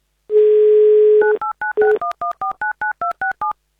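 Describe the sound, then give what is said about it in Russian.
A steady telephone dial tone hums briefly, then a telephone number in Russia's Tula region is dialed for an Avtoradio call-in money game, a quick, even run of about a dozen short two-tone beeps of varying pitch, with no talking. “Пока же мы играем на деньги, давайте звонить в Тульскую область.”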